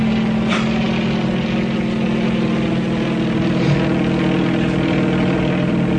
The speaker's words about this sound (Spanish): El helicóptero viró hacia el sitio donde le ordenaba Calimán. El poderoso helicóptero se inclinó hacia uno de sus lados para realizar la operación de cambiar rumbo.